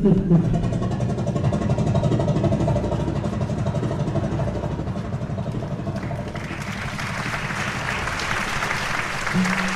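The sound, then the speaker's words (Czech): An engine, just started after its magneto was adjusted, runs continuously with a loud, steady low rumble, and a broader rushing roar builds over it in the last few seconds. “jsem sešteloval to magneto a zkusíme to znovu. Pánové, připravte se! Motor!”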